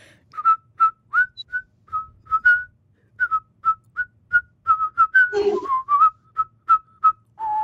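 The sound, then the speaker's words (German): Two people whistle a simple children's song melody together, a steady run of short, clear notes, with a brief breathy rustle midway and no talking. “Kannst du auch pfeifen oder lieber singen? Pfeifen.”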